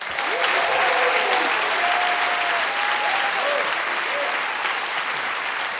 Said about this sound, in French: Je voudrais vous demander d'applaudir notre chef de cabine qui va s'assurer de votre sécurité à bord pendant tout le concert